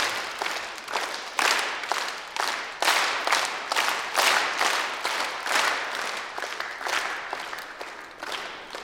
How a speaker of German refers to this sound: Okay, dann machen wir jetzt dann wieder einen Dreiertakt. Und dann werde ich lauter zeigen, dann müsst ihr lauter klatschen und leise, dann leise.